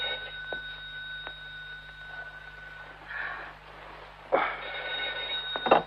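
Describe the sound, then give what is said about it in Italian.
A telephone bell rings at moderate volume with no one speaking, its steady metallic tone carrying through and swelling in a few louder bursts near the end. “Lidia, rispondi al telefono”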